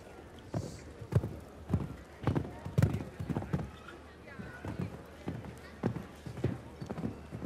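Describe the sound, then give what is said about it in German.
A show-jumping horse, Lady Concern de Residal ridden by Philipp Weißhaupt, gallops with a high stride frequency in a steady, rapid rhythm of heavy thudding hoofbeats, about two strides per second. A man's voice talks over the pounding hooves. “Pferd mit hoher, also schneller Galoppfrequenz.”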